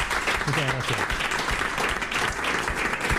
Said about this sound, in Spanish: Un aplauso para ti también.